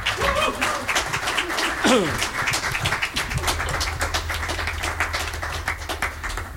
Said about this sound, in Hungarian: Nagy tapsot nekik!